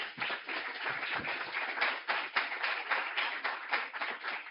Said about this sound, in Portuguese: Uma salva de palmas.